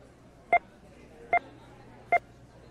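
Three short electronic beeps sound at a steady, evenly spaced rhythm, each one crisp and clear over a faint low background hum; each beep stands for $100,000 of goods bought in America.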